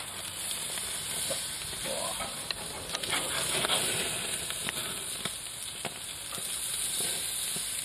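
Steady sizzling of salmon on a charcoal grill, a continuous bright hiss with scattered sharp pops and crackles throughout, moderately loud and with no talking.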